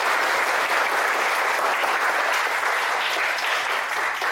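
Steady applause from a class of students fills the whole stretch, a dense, even patter of many hands clapping with no talking over it, welcoming a professional chef into a labor class.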